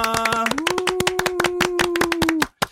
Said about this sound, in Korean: 네, 저희 박수로 한번 시작해 볼까요? 네. 하나, 둘, 셋.